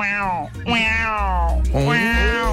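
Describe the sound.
A person imitates a cat's meow as Puss in Boots, three times in a row, drawn-out, whiny vocal glides that rise and fall in pitch, loud with no pauses between them.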